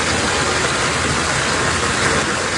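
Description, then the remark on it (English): Floodwater rushing into a man's basement in Toronto after heavy rain: a loud, steady, unbroken roar of churning water like a river, hissing across a wide range with no pauses or distinct splashes, and no voices. “It's actually water rushing into one man's basement in the city.”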